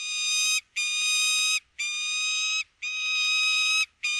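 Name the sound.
peregrine falcon call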